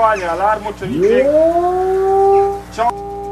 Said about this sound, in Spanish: Esta preocupación ya tiene un sonido clave y son en sí las alarmas de ataque.